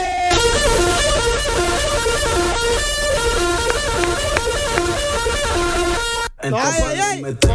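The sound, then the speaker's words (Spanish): A loud, blaring horn-like alarm sounds continuously for about six seconds, pulsing in a rapid repeating pattern, then cuts off as a voice speaks briefly. The alarm is set off to make people get up. “Pones esta alarma, güey, te levantas porque te levantas, güey.”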